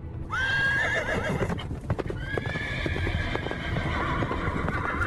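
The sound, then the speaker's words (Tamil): Horses whinny loudly, two high wavering neighs, over a steady clatter of hoofbeats and rumbling from the approaching horse-drawn chariot of Prince Udayakumaran. No one speaks. “ஆ, ஏதோ தேர்வரும் ஓசை கேட்கிறதே!”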